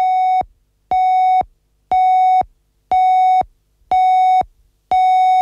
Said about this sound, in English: You are currently listening to Radio Eastern FM 98.1, your voice in the outer east of Melbourne. Coming up to the time signal now for 7 o'clock